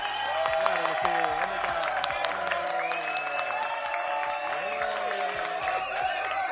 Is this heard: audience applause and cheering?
yes